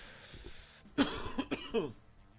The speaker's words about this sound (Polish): Kaszel od ruskich fajek.